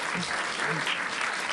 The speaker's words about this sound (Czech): Wow! Zatleskejte, tleskáte každý kravině, jak se říká.